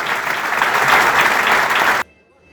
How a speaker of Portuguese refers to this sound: Por iso, antes de continuar, quero pedirles un aplauso para todas esas persoas que fan posible os nosos viños.